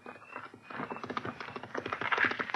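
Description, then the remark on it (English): Rapid, rhythmic hoofbeats of a horseman's horse clatter steadily, growing gradually louder as it draws close, with no voices over the sound. “What horseman is that so close?”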